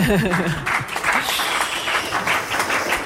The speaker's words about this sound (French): Et on peut les applaudir, on peut les applaudir.